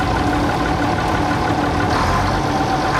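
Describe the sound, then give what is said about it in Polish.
A Bizon combine harvester engine runs steadily as it is driven in third gear at 15 to 27 km/h, a loud, constant low rumble with a dense mechanical drone and no breaks or changes in pace. No one speaks. “Mamy 3 biegi, jedziemy generalnie na trzecim biegu cały czas.”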